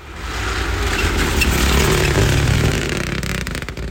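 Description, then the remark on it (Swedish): Engines roar and rev, a dense rumbling growl that swells in loudness, holds steady, then eases off slightly toward the end, with no voices. “Vi drar igång motorerna.”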